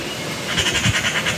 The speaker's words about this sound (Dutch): Ja, ik zou het misschien niet zeggen, maar het is echt een zangvogel. Hij kan namelijk ook behoorlijk goed imiteren. Een ekster in Rilland, in de staart van Zuid-Beveland.